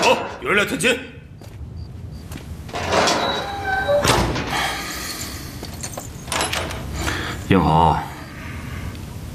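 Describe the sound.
A heavy door is pulled open with clanking, scraping metal and a few hard thuds, while brief voices cut in near the start and end, one demanding that the door be opened.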